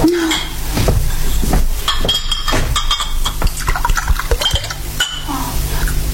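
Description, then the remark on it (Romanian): Water splashes and trickles into a glass, with several sharp clinks of glass and dishes throughout and a steady background hum. “Dă-mi rog puțin apă.”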